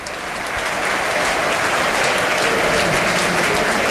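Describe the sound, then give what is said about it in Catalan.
Sustained applause from a large stadium crowd at Birmingham's St Andrew's as Stansfield is substituted and Scott Wright comes on, a dense wash of clapping that swells in over the first half second and holds steady and loud throughout, with no voices standing out. “Cosa que provoca l'aplaudiment per part del públic.”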